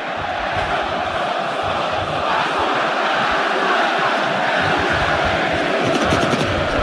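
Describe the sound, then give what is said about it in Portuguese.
A large crowd of Vasco da Gama football supporters roars and chants in a stadium during a match against Coritiba, a dense, steady wall of voices that holds at the same loud level throughout, with no single speaker standing out. “E a jogada, olha aí, olha a torcida do Vasco.”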